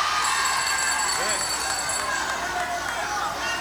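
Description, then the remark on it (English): A large crowd at a New National Party (NNP) political rally in Grenada at night roars and cheers in a steady, dense wash of voices, loud and continuous throughout, with scattered shouts rising above the din. “They want crowd, they get crowd.”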